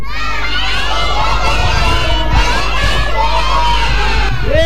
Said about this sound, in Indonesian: Kita yel-yel RRI ya.